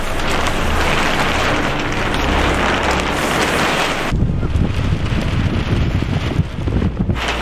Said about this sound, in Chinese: 三月的考古工地仍是阴晴不定，一阵大风吹过，天气说变就变。